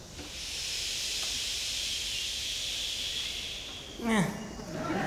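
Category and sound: vocal imitation, audience imitating ocean waves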